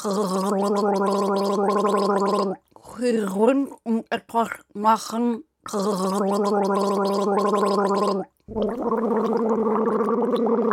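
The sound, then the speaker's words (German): Someone gargles water loudly while voicing a tune as a guessing riddle, a bubbling, pitched drone in long stretches broken by a choppier, warbling middle passage and brief pauses. “Macht euch bereit, wir setzen die Segel für das letzte Gurgelrätsel.”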